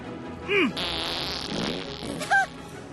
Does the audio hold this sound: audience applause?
no